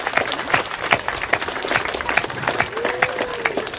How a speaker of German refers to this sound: Vielen Dank. Nochmal bitte. Danke, einen Applaus.